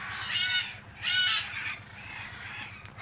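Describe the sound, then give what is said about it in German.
Harsh, raucous calls of red-fronted macaws in a large aviary at Loro Parque: two loud grating screeches in quick succession, followed by softer squawks over a low background rumble. No one speaks. “soll aus einer Großvoliere zwei Rotohr-Aras holen”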